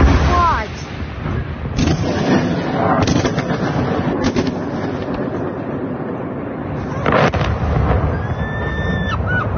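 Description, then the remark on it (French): Ballistic missile strike explosions in Kyiv, filmed by a resident from her home: several heavy booms and sharp blasts burst out over a constant roaring rumble, with voices faintly heard among the noise. “Vous entendiez ces explosions.”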